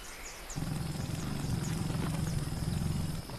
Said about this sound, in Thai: นกฮัมมิงเบิร์ดเพศเมียตัวนี้กระพือปีกบินอย่างเป็นจังหวะในการมองหาน้ำเลี้ยงจากดอกไม้ลักษณะของปีกและหางของมันทำให้มันสามารถบินไปในทิศทางใดก็ได้